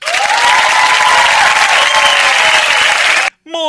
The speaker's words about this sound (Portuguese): Ô, gente, simplesmente somos privilegiados por todos esses profissionais aí que trabalham em nossas escolas. Uma salva de palmas.